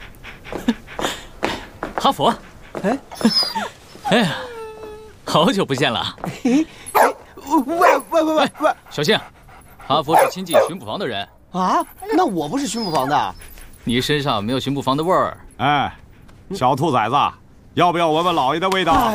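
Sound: dog barking and whimpering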